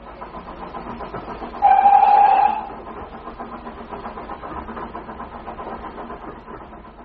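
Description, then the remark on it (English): A train to Woking, on an hour-long journey, rumbles steadily along the rails, with a short, loud whistle blast early on before the low rolling clatter carries on at an even level. “If we're quick, we can be in Woking by 11 o'clock. The train only takes an hour.”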